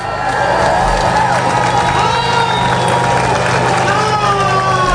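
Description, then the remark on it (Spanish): A large crowd cheers and shouts continuously at the Gibraltar border crossing at midnight, as the agreement opening the border comes into force. Many overlapping voices form a loud, dense roar with rising whoops, while a steady low engine hum runs underneath. “Así que no es de extrañar que a las 12 de la noche, al entrar en vigor el acuerdo, la reacción fuera esta.”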